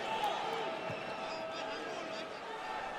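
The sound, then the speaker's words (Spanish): A large stadium crowd of New York fans applauds and roars at a soccer match against Tigres after Tavon Gray wins the ball from Herrera, a steady, dense wash of noise that holds at an even loudness throughout, with a faint bouncing thud near the start. “Vaya aplauso que se lleva de la porra newyorkina.”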